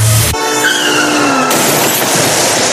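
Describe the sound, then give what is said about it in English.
Car tires skid in a road accident, screeching loudly in a sustained, pitched squeal for about a second, then give way to a harsh, noisy rush of sound, with no voices present. “Been involved in a road traffic accident that wasn't your fault?”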